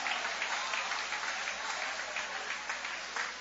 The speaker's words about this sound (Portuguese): Vai aplaudindo. Deus está te libertando hoje.